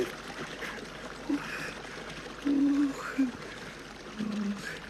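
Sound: rushing river water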